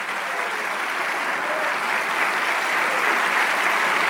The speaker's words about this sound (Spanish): Si ese aplauso es para el que hace maravillas.